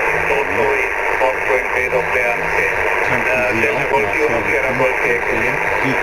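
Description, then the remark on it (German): Crackling interference on a shortwave amateur radio aboard a ship, caused by the many switching power supplies running the equipment, hisses steadily and loudly throughout, with a muffled, distorted voice drifting in and out beneath the static. “Und die verursachen dieses Prasseln hier.”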